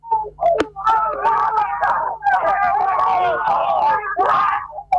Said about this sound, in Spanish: El griterío, la alegría enorme para Bernasconi, ganador por primera vez en el TC Pista